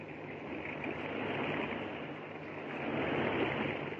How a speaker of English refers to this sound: Jerry and Joan are now badly frightened as they hear the rushing of water outside the elevator shaft.